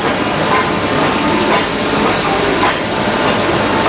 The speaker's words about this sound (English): And eventually, the little engine that could finally huffs and puffs into Metupalayam.